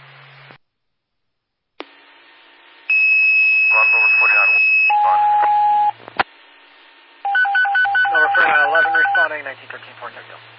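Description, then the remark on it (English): Steady electronic paging tones sound over a radio channel, a few sustained pitches shifting in sequence, interleaved with brief bursts of radio static and muffled dispatcher-style voices. “On to Millbrook, discard your tones for 9-11, now responding, 1913, 1452.”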